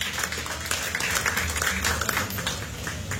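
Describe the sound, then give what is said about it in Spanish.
A church audience claps loudly and steadily as an offering to God, a dense wash of overlapping handclaps filling the space for a few seconds, with faint voices mixed underneath. “Dale una ofrenda de palmas fuertes a nuestro Dios, iglesia.”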